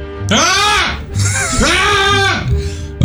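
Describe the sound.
A man's voice imitates a frantic goat, letting out two long, wavering, strained bleats, followed by a shorter trailing bleat.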